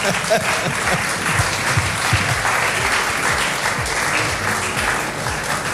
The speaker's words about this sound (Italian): Applauso, se volete applaudire.